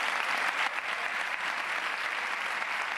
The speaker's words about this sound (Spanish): Esas eran las palabras de Patricia Cavada, que, bueno, como habéis escuchado, se llevaba una ovación